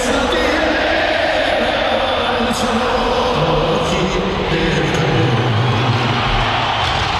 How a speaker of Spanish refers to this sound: Muy, muy emotivo lo que hemos vivido ahora mismo cuando pasan dos helicópteros con la enorme bandera de México.